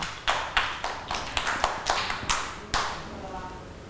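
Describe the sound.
Children clap their hands in a quick, uneven burst of about a dozen claps, moderately loud and close, with faint voices murmuring underneath.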